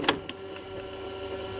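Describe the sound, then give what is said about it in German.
A cassette tape is pushed into an old walkman from 1984: a sharp plastic clack, a lighter click right after, then a faint steady mechanical hum with no voices. “wir schieben mal wieder ein Tape rein und gucken, ob ihr erkennt, welcher Song gesucht ist.”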